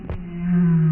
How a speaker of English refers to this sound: Just on a daily basis, I'll hear humpback whales.